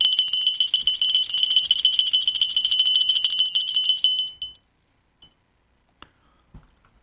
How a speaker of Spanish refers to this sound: Suena la campanilla.